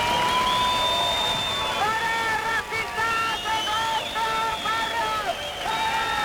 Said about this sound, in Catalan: Una hora més tard han arribat els membres del grup supremacista, que han estat escridassats pels antifeixistes, amb crits de no passaran o fora feixistes dels nostres barris.